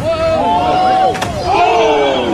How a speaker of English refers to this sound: Did you hear that sound? What did he land on? That was hitting the water. That was not the water. That was his butt smacking the rocks.